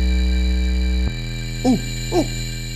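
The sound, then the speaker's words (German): A doorbell chime sounds twice, two short ringing tones about half a second apart, following a steady background hum that cuts off abruptly just before. Nobody speaks. “Ding dong.”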